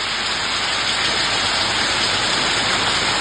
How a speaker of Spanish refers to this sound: ¡Oh! Suena un poquito. Escuchemos un poco el sonido de la lluvia en San Pedro de La Paz.